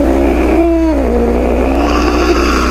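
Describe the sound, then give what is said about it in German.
A cat purrs with a steady, loud, low rumble that runs unbroken throughout, with a faint tonal whine that dips briefly in pitch early on. No one speaks. “Und wer der Dosenöffner funktioniert nicht auf Anhieb, dann wird aus diesem majestätischen Schnurren hier innerhalb von wenigen Sekunden womöglich eine kleine Terrorpelzkugel.”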